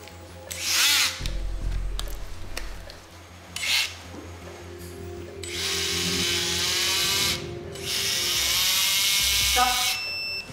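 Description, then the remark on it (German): A high-pitched surgical bone saw whines in repeated bursts, short at first and then in two long sustained runs, loud, with a low rumble and faint clatter between, as it cuts bone during an osteotomy of a patient's lower leg. “Beginne mit der Osteotomie. Säge.”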